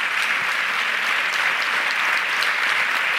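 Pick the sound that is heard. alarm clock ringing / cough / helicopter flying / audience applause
audience applause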